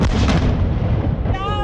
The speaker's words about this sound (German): Liebe Hörerinnen und Hörer, das ist der Startschuss, der Böllerschuss für die Hirsebreifahrt 1956.